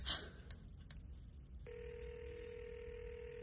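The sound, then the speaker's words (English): A few quick keypad beeps as someone calls a woman's phone, then a steady electronic ringback tone hums on the phone line for a couple of seconds, clear, with no one speaking. “Have you tried calling her? Let me call her now.”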